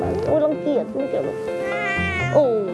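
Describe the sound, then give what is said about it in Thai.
A tricolor Thai cat named Fin, with a black heart-shaped marking on its back, meows several times, with fairly loud, drawn-out calls that waver and rise in pitch, one following right after another. “โอ้น้องฟินจะเป็นแมว3สีเขาจะมีลายหัวใจอยู่ที่หลังข้างหลังเป็นหัวใจสีดำก็เป็นแมวไทยเหมือนกันแล้ว”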